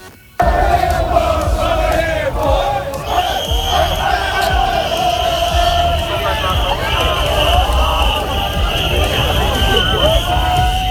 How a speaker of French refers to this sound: Alors là, vous avez le son avec des cris qui cessent d'un coup. Je vais donc vous décrire l'image. On est à Tokyo, au niveau d'un gros carrefour où circulent des voitures.